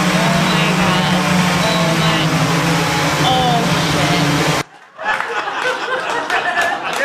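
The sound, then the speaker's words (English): An Amazon delivery drone dropping a package into a swimming pool hums with a loud, steady whirring buzz and faint high whines. After about four and a half seconds it cuts off abruptly, giving way to a rougher, rushing noise. “Check out this Amazon drone dropping their package in the pool.”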